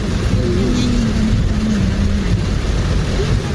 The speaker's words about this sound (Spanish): Mira, acá está el lluvia. El fuerte aguacero sorprendió a los ciudadanos y los reportes de la congestión del tránsito y sectores anegados empezaron a trascender.